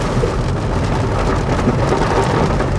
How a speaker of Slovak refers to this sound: Ako náhle sme otvorili dvere do auta, začalo liať, ale vyslovene. Predtým zahrmelo zo dva razy na výstrahu, takže sme vyhrali, ale len o konskú hlavu. Preteky pred búrkou.